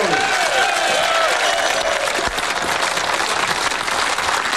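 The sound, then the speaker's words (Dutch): A crowd applauds steadily and densely, a broad wash of clapping that holds at an even, fairly loud level throughout, with faint voices mixed in and no pauses. The crowd is applauding René Nagelhout, skipper of the skûtsje of Graal, who has won the SKS sailing championship. “En dat applaus klinkt van de man die het als jongende keer kampioen geworden is van de SKS.”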